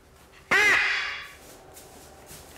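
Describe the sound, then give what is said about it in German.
A loud, harsh, raspy screech from a scarlet macaw, a parrot that can grow to 90 cm with a correspondingly large beak, bursts out and trails off over about a second, with the start of a second squawk cutting in right at the end. “Auch beim sogenannten Aramakau, der mit 90 cm sehr groß werden kann und einen entsprechend großen Schnabel hat.”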